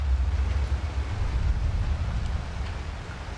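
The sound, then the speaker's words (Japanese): A dull, low rumble of a volcanic eruption of Mount Tokachi (Tokachidake), under low rain clouds, rolls on steadily for a few seconds, a deep, continuous drone with a faint hiss like rain layered over it and no voices. “どこかで鈍い音がした。遠雷のようでもあった。 はあ、また怒りましたぜ、十勝岳が。”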